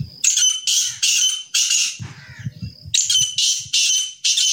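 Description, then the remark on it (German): Grey partridges, bred in the village of Mojmirovce near Nitra, Slovakia, call with loud, harsh, grating squawks in a rapid series of bursts, briefly pausing midway while a low rumbling noise fills the gap. “In der Gemeinde Mojmirovce in der Nähe von Nitra werden aber außerdem auch noch Rebhühner gezüchtet.”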